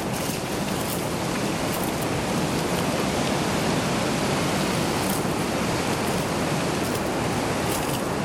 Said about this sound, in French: Seul. Vous, auditeur. Et le vent.